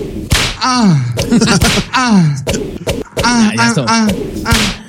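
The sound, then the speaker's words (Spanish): A voice imitates whip cracks, producing a quick series of sharp, loud snapping bursts with whooshing, sliding tones between them, repeated several times in close succession. “Latigazo. Ahí les va, ahí les va.”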